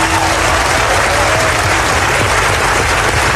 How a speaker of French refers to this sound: 7 ans après avoir essuyé les huées du MIDEM dans cette même salle du Palais des Festivals, … est cette fois ovationnée et elle offre un moment qui est devenu culte dans l'histoire du Festival de Cannes.